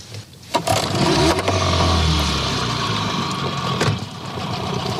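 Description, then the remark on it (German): A boat motor runs loudly and steadily while an eel angler reverses the boat to free a rig snagged on the bottom, its low rumble rising as it revs, with churning water and a few clanks and scrapes mixed in. “Motor an und ein bisschen rückwärts fahren. In der Hoffnung, dass er wieder freikommt.”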